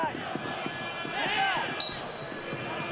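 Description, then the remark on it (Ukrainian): A referee's whistle gives one short, shrill blast partway through, over steady stadium crowd noise and rhythmic ball thuds, with voices talking underneath, at a football match between Dynamo and LNZ, stopping LNZ forward Mark Asinor for a handball in attack. “І знову свистить арбітр, знову Марк Асінор мусить зупинитися.”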